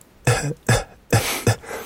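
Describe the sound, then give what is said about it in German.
A voice imitates a man's quiet, muttered cough: four short, low throaty bursts in an uneven rhythm, subdued, with no words spoken. “Er ist nicht laut, nein. Nur so vor sich hin, wenn er wenigstens laut rausgehustet hat, aber so.”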